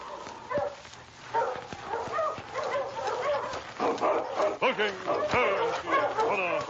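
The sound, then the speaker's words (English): Several sled dogs of Sergeant Preston's team, led by his big lead dog King, bark, yip and whimper as the team stops in front of Sam's cabin. It is a dense, overlapping, fairly loud chorus, with high whines and sharp yelps tumbling over one another without a break. “When Sergeant Preston stopped his team in front of Sam's cabin, King, his big lead dog, walked at his side toward the door.”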